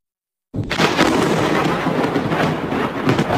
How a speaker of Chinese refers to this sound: 画面中电闪雷鸣，一道道闪电划破天空。24号晚，福建厦门市气象台先后发布了暴雨黄色预警和雷雨大风橙色预警。